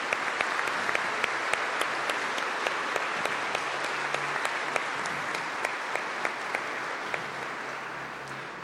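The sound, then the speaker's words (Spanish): A church audience at Mass on Mother's Day applauds all the mothers steadily, many hands clapping in a dense, sustained wash with sharp individual claps standing out, holding fairly even before easing slightly toward the end. “Por eso los invito para que le demos un fuerte aplauso a todas las madres.”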